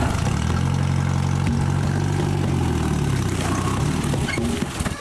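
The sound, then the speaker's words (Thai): A jeep used to haul betel nuts idles steadily with a deep, rumbling low hum and a rough, chugging texture, holding a constant loud level for the whole stretch with no speech over it. “วันนี้มาขึ้นหมากแล้วก็เอารถจิ๊บมานี่ขนหมาก”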